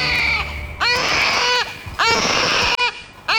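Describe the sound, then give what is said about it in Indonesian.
A newborn baby boy cries loudly in three strained, wavering wails separated by brief gasping pauses, with no other voices, breaking the silence of a forest wilderness. “Tangis sang bayi memecahkan keheningan di hutan belantara.”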